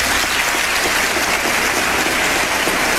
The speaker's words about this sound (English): Now, that's a lot of applause from Republicans and Democrats. They stood. They don't do that anymore. It's no bipartisanship in Congress anymore. But everybody was in favor of that when Bill Clinton said it in 1997.